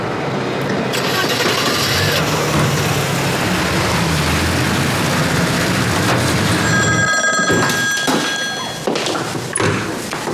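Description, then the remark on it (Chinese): A telephone bell rings in a bright, rapid trill during the last few seconds, sitting over a loud, dense wash of rumbling background noise and occasional thumps. “户头有人打枪，现在又是巡逻队交接班的时候，指挥调度室没人接电话，我过去看一下。”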